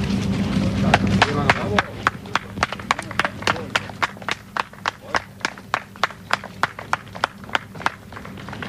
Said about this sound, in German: Und es war natürlich, vielleicht sollten wir uns diese Szenen noch einmal anhören, es war Freude, es gab Beifall von den Rettungsmannschaften für die 6 Überlebenden, die heute Morgen um 5.30 Uhr aus dem Schacht kamen.